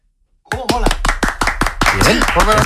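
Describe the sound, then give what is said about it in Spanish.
An audience breaks into sudden, loud applause for the dental clinic chain Vitaldent, dense clapping running steadily from the start, with voices whooping and cheering mixed in. “¿Estabais tardando en darle un aplauso a Vitaldent?”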